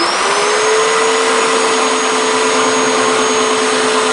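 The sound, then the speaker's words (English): A chainsaw roars loudly, holding a steady high-pitched engine whine as it cuts for several seconds into a hollow block of wood set at eye level on a wooden stand, to be carved into a horse, with no voices. “He takes hold of his chainsaw and leans in.”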